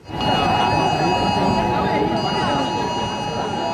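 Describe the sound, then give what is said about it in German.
Several steady electronic alert tones sound together from many mobile phones during an emergency test alarm, a loud continuous overlapping beeping at maximum volume, even on phones set to silent, over a noisy crowd murmur. “Ja, die Handys, die piepten hier tatsächlich auf maximaler Lautstärke.”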